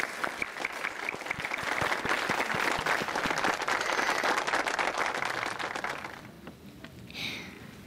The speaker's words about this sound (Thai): ขอเสียงปรบมือให้เด็กหญิง